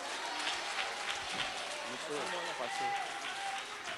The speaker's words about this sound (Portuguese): Vamos receber o servo do Senhor. Com palmas se glorifica o nome de Jesus.